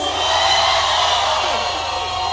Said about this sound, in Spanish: ¡Que se escuche un silbido para Jehová! ¡Un grito de júbilo!